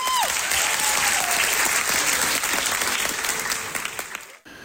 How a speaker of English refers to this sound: Remember, as the curtain closes on the cast's final local production before they ship off across the pond, their friends and family give them thunderous applause.